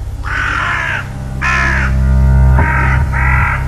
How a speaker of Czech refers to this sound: A otkuda tolike vrane? Kamo lete? Prema bojnom polju. Čeka i gozba.